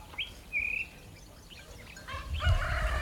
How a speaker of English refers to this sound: The rooster gets going at 4:30. I checked the time. That's the middle of the night. What are they roostering at?